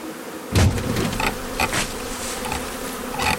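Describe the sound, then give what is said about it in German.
A dense, steady buzz of a honeybee swarm cluster, continuous, with a few sharp bursts as the swarm is sprayed with water from all sides with an atomizer, cutting in over the humming drone. “Die Schwarmtraube sprüht man mit dem Zerstäuber von allen Seiten mit Wasser ein.”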